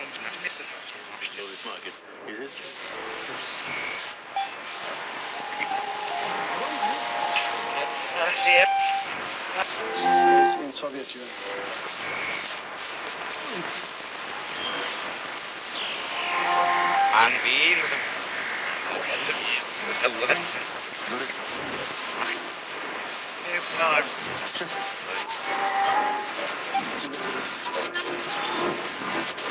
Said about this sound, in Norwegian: starter med bare radiostøy. Liksom lag på lag på lag med radiostøy som går i sånn bølger